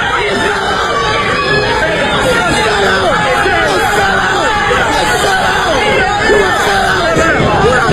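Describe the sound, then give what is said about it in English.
A chaotic crowd at a city council meeting shouts and screams all at once, many loud voices overlapping into a dense, unbroken roar of yelling and chatter that never lets up. “It was chaos. And so it goes on. People are screaming.”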